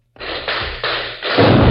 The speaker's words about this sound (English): There are more cannon. Must be an army in that woods.